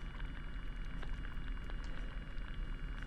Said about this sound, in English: listening to a hydrophone recording made at low tide. In a saltwater bed, and the sounds that you are hearing are mostly seaweed and sea urchins, according to the recordist.